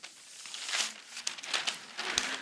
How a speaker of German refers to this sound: Dazu holt Barbara Messer eine meterlange Papierrolle auf die Bühne.